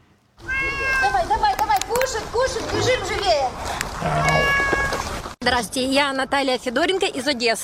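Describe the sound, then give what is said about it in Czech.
Several street cats meow loudly on an embankment in Odesa, Ukraine, where they are fed, their cries overlapping in a near-continuous chorus, with a brief break before another burst of insistent meowing. “Na nábřeží krmím kočky na trase od Lermontovova, kde žije víc než 100 koček, přes pláž Otrada, kolem Žlutého kamene až k delfínu.”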